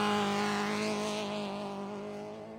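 A rally car engine, car number 50, a Toyota Corolla Super 1600 of the Guanta team, roars loudly at high revs, a steady harmonic snarl with a rising whine, then slowly fades as the car starts stage 3 of the Caminos del Inca rally toward Andahuaylas, Peru.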